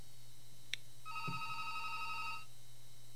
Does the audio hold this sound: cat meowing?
no